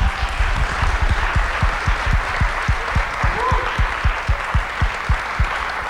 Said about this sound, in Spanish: Oigan, pues muchas gracias de verdad por esta charla, gracias a todos, todas, todos por acompañarnos. Bueno, primero un aplauso, por favor.